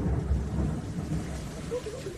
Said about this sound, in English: We have more of those downpours in Texas, too, with rumbles of thunder in the background. Take a listen to it.